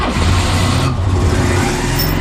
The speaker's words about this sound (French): Vous l'avez? Le démarrage d'une deux chevaux.